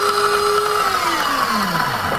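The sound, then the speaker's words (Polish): A super modern coffee machine's motor whirs steadily, its hum starting to slide downward in pitch as it winds down. Moderately loud and continuous, with no voices. “Super nowoczesny ekspres do kawy.”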